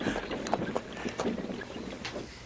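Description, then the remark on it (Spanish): A horse-drawn carriage rumbles along with a few scattered hoof clops and creaking knocks over a steady wind-like noise, slowing as it comes to a halt. “Capitán, detenga los caballos.”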